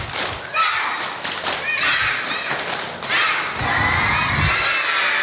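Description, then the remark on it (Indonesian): A group of schoolchildren cheering and shouting together with bursts of clapping and thumping during a morning class greeting clap chant, loud and continuous over about five seconds, with overlapping high-pitched voices. “Tepuk satu, dua, tiga. Tepuk semangat.”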